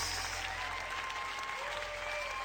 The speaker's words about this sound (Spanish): Oh, dale al Señor un aplauso como Él merece.